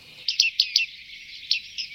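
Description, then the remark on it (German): Bearded reedlings calling: a series of short, bright, metallic pinging notes in irregular bursts, several birds overlapping, with no voices present. “Solche gibt es ja rund um Halle zur Genüge, sodass man am Salzigen See, am Wallendorfer See, zum Teil auch am Geisetalsee, aber auch an den Seen rund um Leipzig immer wieder kleine Bartmeisenschwärmchen sieht oder eben hört.”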